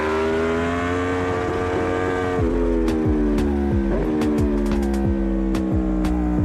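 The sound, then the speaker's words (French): A motorcycle of about 190 kg accelerates while leaned over through the Chapelle bend, its engine a loud, steady harmonic drone, pitch dipping twice as gears change, then rising again over a rough, pulsing low rumble. No one speaks. “Là on accélère sur l'angle.”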